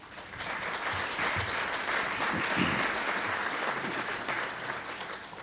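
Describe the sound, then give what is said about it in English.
An audience at a candidates' forum claps steadily for several seconds to welcome the candidates, a dense, continuous wash of applause with no pauses and no voices standing out. “Please give them a round of applause.”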